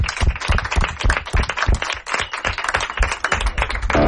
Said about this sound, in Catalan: Aplaudiment, per favor.